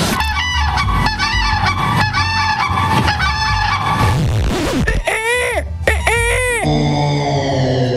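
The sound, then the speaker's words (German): A person loudly imitates a crane's call: a run of harsh, honking, trumpet-like cries, ending in a few long, rising and falling wails. “Das war der Kranich.”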